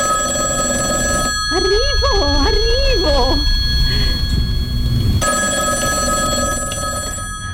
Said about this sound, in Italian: Allora, quindi come vedete in primo piano c'è un vecchio telefono, un bel pezzo di antiquariato, perché appunto questa scena parte dallo squillo di un telefono.